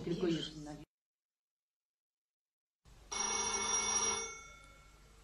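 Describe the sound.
A voice speaks briefly, then after a pause a telephone bell rings loudly in a single sustained burst of about a second and a half before fading.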